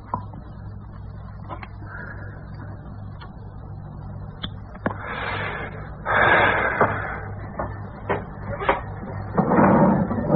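A drawer slides open with a scraping rush, followed by a few wooden clunks and knocks as something wrapped in white cloth is taken out, then slides shut again with another rough sweep, moderately loud against a low hum.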